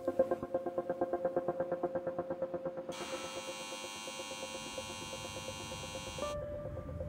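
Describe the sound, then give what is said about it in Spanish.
Turbines of a giant CO2-capturing plant in a Swiss subalpine region, powered by energy from a waste incineration plant and filtering CO2 from the air, hum steadily: fast rhythmic mechanical pulsing, then a bright whirring drone swells before settling into a lower constant hum. No voices. “Aquí en la discreta región subalpina, un grupo de habilidosos suizos han construido una gigantesca aspiradora de CO2. Utiliza la energía de una planta incineradora de residuos para propulsar turbinas que filtran el CO2 del aire.”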